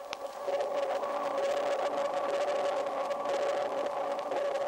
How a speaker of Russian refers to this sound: Вы слышите эхо, отражающееся от подводных предметов. Эхо и рассказывает животным, что происходит вокруг них.